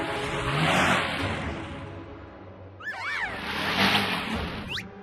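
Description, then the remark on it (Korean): A minibus stuck in snow in the Himalayas revs its engine hard in two long, loud surges, with high whining squeals sweeping up and down midway, like wheels spinning without grip. No one speaks. “슈퍼팬 미니버스가 히말라야 눈 속에서 조난을 당했습니다”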